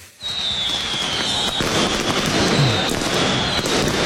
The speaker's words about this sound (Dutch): Ja, zo klonk het gisteren. Bij Cambuur Feyenoord heeft het meegekregen. Rotterdamse supporters die vuurwerk afstaken. Kan terecht in een familievak van Cambuur.